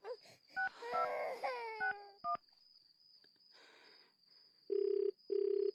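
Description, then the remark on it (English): A phone ringback tone sounds twice near the end, two steady buzzing pulses close together, following a brief stretch of wailing, warbling tones and faint clicks over a thin, constant high whine. “It's ringing, Ma.”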